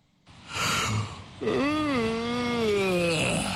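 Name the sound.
snoring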